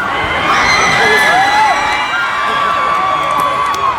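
A large live concert crowd at a fair grandstand cheers and whoops continuously, reacting after a fan threw underwear on stage, with high-pitched shrieks and yells rising above a dense, steady roar of many voices.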